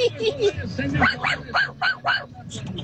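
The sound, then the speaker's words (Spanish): A small, real dog lets out a quick run of high, sharp yapping barks, five or six in a row, with people talking in the background. “Oh, no, si sí fue un perrito de verdad.”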